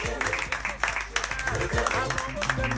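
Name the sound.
audience applauding and cheering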